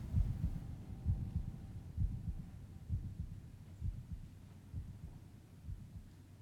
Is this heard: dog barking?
no